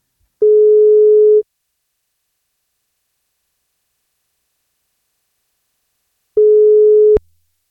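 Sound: telephone ringing tone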